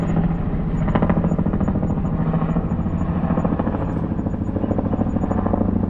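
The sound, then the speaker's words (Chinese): A helicopter flies overhead, its rotor producing a steady, loud rhythmic thumping with a deep engine roar that stays constant throughout, unbroken, with no voices. “随后总参谋长呼鲁西·阿卡尔和高级指挥官被政变分子用一架直升机带往了未知地点。”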